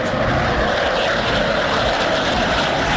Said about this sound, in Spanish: Con aviones CAFIR, las fuerzas militares y la policía patrullan las ciudades de Santa Marta y Riohacha, sus carreteras y zonas rurales, para facilitar las actividades cotidianas y contrarrestar cualquier nuevo ataque de las autodefensas